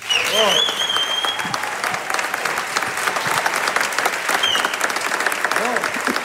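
A concert audience breaks into loud, steady applause, a dense rush of clapping that continues for about six seconds, with a brief high whistle or cheer rising over it near the start.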